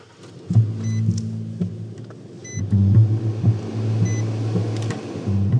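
A truck engine hums in a low, steady drone as it drives off up Agony Hill Road, its pitch shifting once partway through as it works harder. No one speaks.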